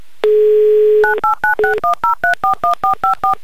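A steady dial tone is followed by a quick, even run of about a dozen touch-tone keypad beeps as a phone number in the town of Yelets is dialed from the Humor FM radio studio, loud, with no talking.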